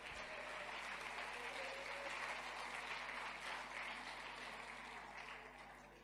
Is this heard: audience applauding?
yes